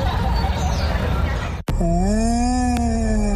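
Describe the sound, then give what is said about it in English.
Busy, noisy background chatter cuts off abruptly and gives way to a long, eerie ghostly moan: one low, sustained voiced tone that dips, then glides slightly upward and holds steady to the end. “That's the ghost of information, tours, and travel.”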